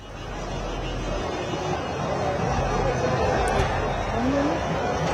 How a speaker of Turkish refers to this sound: Dışarıdan biraz böyle yakın olan noktadan korna sesleri, diğer taraftan taraftarların aralarında konuşması, zaman zaman yükselen tezahüratlar, herkesin eşlik etmesi derken an itibariyle biraz sessiz zamana denk geldik.